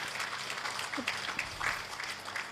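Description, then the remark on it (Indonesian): An audience claps steadily at the launch and signing of the Bangkit Papua Tengah program in Central Papua: a dense wash of hand claps with scattered sharper slaps rising and falling, moderately loud throughout with no speech over it. “Mari kita berikan tepuk tangan yang mulia.”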